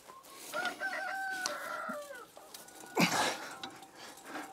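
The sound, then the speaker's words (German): A rooster lets out a long, drawn-out crow over a steady murmur of hens clucking, followed by a sharper squawk and more scattered clucks, at a mobile chicken coop being set up so the hens can go out. “Erstmal mache ich das jetzt nach Augenmaß, dass die Hühner erstmal raus können nachher.”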